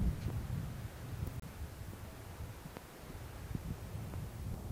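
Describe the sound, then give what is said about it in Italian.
Steady wind gusting and buffeting against the microphone, a low rumbling roar with a few sharp clicks and rustles, no voices. “Sindaco, allora andiamo a scoprire, se il vento non ci porta via prima, questi ruderi che sono stati ritrovati, e poi ho notato anche una bella chiesa, magari ci passiamo davanti.”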